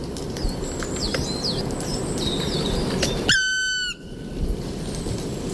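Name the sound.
black woodpecker call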